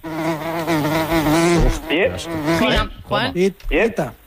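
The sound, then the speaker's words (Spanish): A housefly buzzes loudly, a steady droning whine with a wavering pitch, then breaks into shorter, erratic bursts of buzzing as it darts around. “Sí, es una mosca.”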